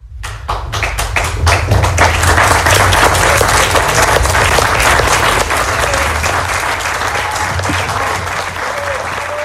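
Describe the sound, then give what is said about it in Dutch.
A live audience on a terrace on the Zeedijk in Oostende applauds steadily and loudly for several seconds, dense overlapping claps with a few sharper taps, outdoors, with faint voices mixed into the crowd. “Bedankt aan ons publiek op het terras.”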